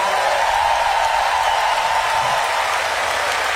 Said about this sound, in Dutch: Al die mensen die daaraan gebouwd hebben wil ik ook een groot applaus voor.